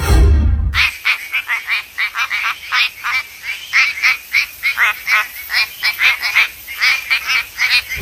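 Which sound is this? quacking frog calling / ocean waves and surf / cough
quacking frog calling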